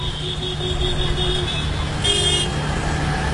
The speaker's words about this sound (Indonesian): Mas, ramai sekali ya jalan hari ini. Mobil dan motor seakan tak pernah berhenti. Gimana ini? Iya, kota memang selalu sibuk.